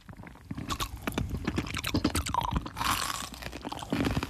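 Someone crunches on ice cubes, a steady run of sharp, crackling bites and grinding chews lasting several seconds with no talking, the brittle cracks bursting out louder at moments.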